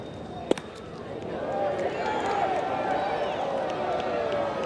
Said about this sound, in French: La foule qui s'anime.